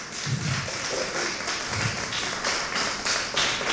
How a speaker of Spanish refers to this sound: Dale un fuerte aplauso, amén.